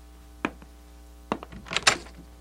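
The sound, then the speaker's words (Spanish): A door opens with a sharp latch click, a second thud, then a scraping, rattling swing of the door, ending in a louder creaky clatter. “Abriré la puerta.”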